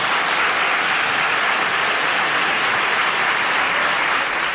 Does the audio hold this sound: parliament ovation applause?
yes